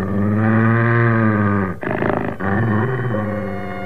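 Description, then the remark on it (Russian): A huge dog growls low and steadily for about four seconds, breaking briefly into a rougher, raspier snarl midway before settling back into the rumble. No one speaks. “Пришло время ложиться спать, но собака по-прежнему не собиралась уходить.”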